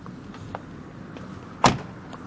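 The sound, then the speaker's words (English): A car door shuts with one solid thud, preceded by a few faint clicks and rustles of someone climbing out, over a low outdoor hum. No one speaks. “So we just got out of the car”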